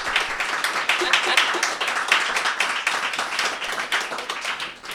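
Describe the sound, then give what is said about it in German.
Sustained applause from an audience at a live radio show in the Meta-Room, a dense wash of many hands clapping at a steady loud level for the whole stretch, with individual claps popping through the roar. “Und wir haben uns gefragt, ob wir wohl einen lauteren Applaus hinkriegen als bei der ersten Radiosendung im Meta-Room.”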